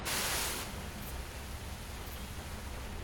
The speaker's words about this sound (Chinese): 下雨喽！哇， 好大的雨啊！